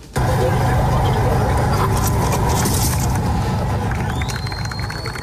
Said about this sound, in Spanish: Ese golpe que precede a los aplausos es el sonido del derribo del último trozo de la barja que ha caído a medianoche en Gibraltar, fin a la separación del Peñón en un campo de Gibraltar, en un cambio histórico tras casi décadas de muro.